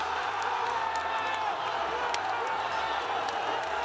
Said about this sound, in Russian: Мне кажется, это аплодисменты. Мне кажется, это аплодисменты, да? Вот за это все, да, сейчас.